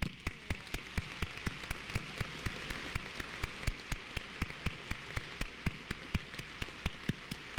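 At the close of a Catholic Mass, an audience applauds the fathers present, clapping steadily for several seconds. A dense crackle of many hands, with sharper individual claps standing out at a fairly regular beat, at moderate loudness and without voices.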